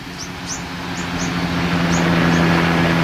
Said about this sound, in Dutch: Er vliegen bijvoorbeeld vaker helikopters langs om de oceaan in de gaten te houden. Hier komt er één.